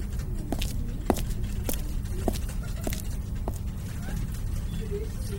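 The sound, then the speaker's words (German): Brisk footsteps of a person walking quickly to an office, six or so crisp heel strikes at a steady, fairly quick pace over a constant low background rumble, fading slightly toward the end. “Schnellen Schrittes ging ich in mein Büro, direkt zum freien Untersuchungstisch 3, wo ich sogleich alle gesammelten Objekte ausbreitete.”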